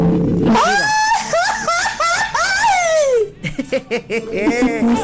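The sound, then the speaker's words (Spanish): A woman lets out a loud, excited, high-pitched shout with swooping pitch lasting about three seconds, then breaks into shorter, choppy giggly vocal bursts. “Ese grito no es de agrapas, ¿eh?”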